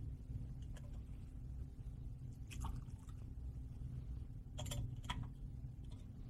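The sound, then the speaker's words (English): During Mass, a small amount of water is poured into the chalice of wine in a few short, soft trickling bursts, quiet, over a steady low hum with no voices. “By the mystery of this water and this wine, may we come to share in the divinity of Christ, who humbled himself to share in our humanity.”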